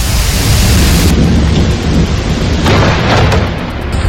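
Heavy rain pours down on Carrer Colón in the Valencia region during an overnight storm, with water running down toward the health clinic, in a dense, steady roar with deep thunder rumbling underneath throughout. No one speaks, and the downpour stays loud from start to finish.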